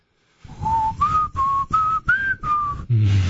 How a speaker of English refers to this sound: My dog loved it when I whistled that song. She went crazy.